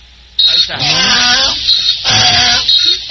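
A donkey brays loudly, its harsh, wheezing call rising and falling in a few strained, rhythmic heaves over about three seconds, with no talking.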